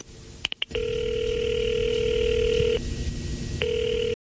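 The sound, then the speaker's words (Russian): The receiver of a direct-line telephone at Staraya Square clicks a few times as it's picked up and a number is dialed, then a long steady electronic line tone sounds, stops briefly, and starts again. It is fairly loud, with no voices. “Потом решительно прошагал к своему письменному столу, сел в кресло, поднял трубку телефона прямой связи на Старой площади, набрал номер.”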